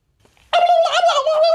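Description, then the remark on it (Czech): A single loud turkey gobble bursts in after a near-silent moment, a warbling, rattling call that holds steady for about a second, clear with no talking over it. “Ty vole, krocan.”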